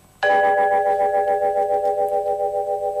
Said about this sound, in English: Here are some beautiful melodic sounds recorded in high fidelity. Vibraphone.